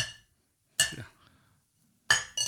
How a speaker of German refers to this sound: Ja, wie oft willst du noch anstoßen, Josef?